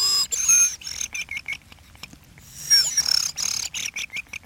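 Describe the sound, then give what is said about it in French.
A person whistles an imitation of thrush song: two bursts of high, warbling notes broken by rapid rolling trills and stuttering pulses, with a short pause between them and no talking. “C'est grives. Tout le monde ne sait pas les siffler. Il faut faire un roulement, comme moi, je sais pas.”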